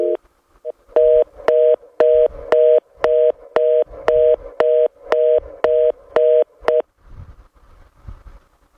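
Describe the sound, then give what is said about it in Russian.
A telephone line tone: a steady mid-pitched beep pulsing on and off in a quick, even rhythm, about a dozen times, then cutting off, leaving faint low rumbling noise. “Господа, гудок гудит.”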